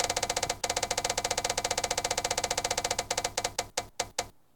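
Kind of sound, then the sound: spinning prize wheel clicking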